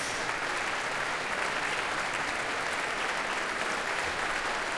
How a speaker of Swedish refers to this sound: George Benjamin kommer ut på scenen igen för att ta emot publikens applåder.